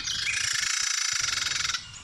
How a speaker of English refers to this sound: Is that the same bird? That is a Carolina Wren as well. Yeah, that is the same bird. Oh, man. That is, I think the bird is agitated when it makes that noise. Okay, I see that. Yeah. That's a call, yeah.